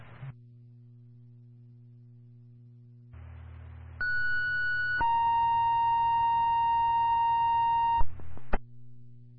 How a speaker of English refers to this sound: You can give me one more set of tones for driver EMT to complete the group.